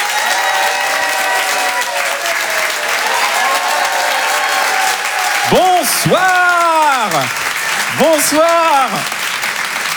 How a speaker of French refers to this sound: je vous demande de faire un maximum de bruit, d'applaudir très fort, s'il vous plaît